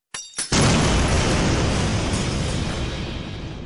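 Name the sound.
bomb explosion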